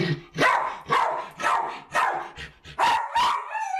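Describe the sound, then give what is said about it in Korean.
A pet dog named Baptong, which has separation anxiety, barks loudly and insistently inside the home at over 100 dB. It gives about six or seven harsh, full-throated barks in steady succession, ending in a higher, drawn-out yelp. No one speaks. “얘 왜 이렇게 목청이 좋은 거야?”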